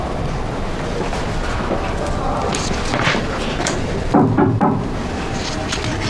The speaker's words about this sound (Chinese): 高材生连敲门都不会。